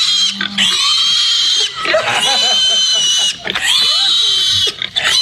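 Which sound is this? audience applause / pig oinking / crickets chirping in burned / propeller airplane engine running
pig oinking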